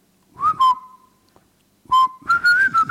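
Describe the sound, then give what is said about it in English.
A person whistles as a breathing exercise: a few short, wavering notes, a pause in near silence, then a louder, more lively run of rising and falling tones with breathy noise beneath. “If you can whistle like that, it tells you that you have your respiratory system is all right.”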